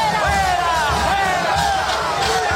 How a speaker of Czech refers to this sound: Dav směřující ulicemi Buenos Aires k sídlu hlavy státu zvaném Casa Rosada volal po odstoupení prezidenta.